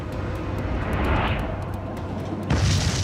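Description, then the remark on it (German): A deep, heavy rumble rolls on throughout, swelling midway, then a sudden loud blast near the end sets off a fresh roar: several hundred tonnes of ammonium nitrate exploding at a storage site in Toulouse in 2001. “In einer Deponie explodieren mehrere hundert Tonnen Ammoniumnitrat.”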